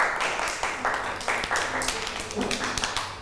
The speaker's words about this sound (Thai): ปรบมือให้น้องมาหน่อยค่ะ